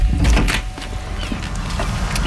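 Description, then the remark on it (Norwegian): A front door is opened after the doorbell rings: a heavy low thump and a rattle of the latch and handle, then brief scraping and shuffling as it swings. No one speaks. “Åpne døra.”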